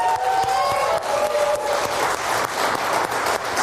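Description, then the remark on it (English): A church audience cheers and claps steadily in praise of God, with loud, dense applause and high shouts and whoops rising above it throughout, no clear speech. “Like, they shout, they clap.”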